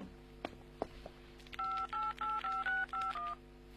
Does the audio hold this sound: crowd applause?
no